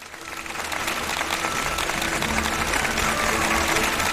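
Steady applause from an audience welcoming two guests rises over the first half-second and then holds at a full, even level of clapping, with no voices on top.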